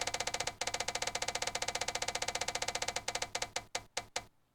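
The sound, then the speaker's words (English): A spinning prize wheel, spun to randomly pick where a bus will stop, clicks rapidly in a steady stream of ticks, then slows, the clicks spreading out until it stops. No one speaks over it. “Okay, so we've randomly spun the wheel.”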